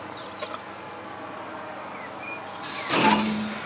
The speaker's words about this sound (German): Jo, das klingt gut. Eine Bremsprobe vor Abfahrt ist Pflicht.